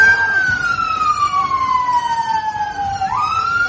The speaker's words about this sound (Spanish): Son las sirenas de bomberos que han tenido que sofocar decenas de incendios en casas y vehículos en una noche muy tensa en las calles de la capital de Irlanda del Norte.